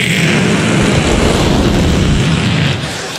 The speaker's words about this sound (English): And it would drive my mother nuts because, you know, every time the plane would come over, it's like, every time those planes come over, the whole house is rattling back and forth and my china closet rattles like crazy